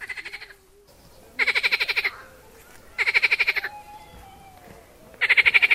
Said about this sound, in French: Ah ben voilà, je suis dans le parc Roi-Baudouin et vous entendez derrière moi le doux chant d'une grenouille. Ben oui, ces grenouilles sont les hôtes de ce Molenbeek qui est à ciel ouvert.